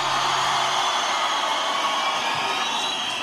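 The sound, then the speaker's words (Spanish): A concert crowd shouts and cheers for Radioactiva and for the children at the concerts in one loud, sustained roar, a dense wash of many voices that holds steady for about three seconds without letting up. “¡Y un grito por los niños y las niñas en los conciertos!”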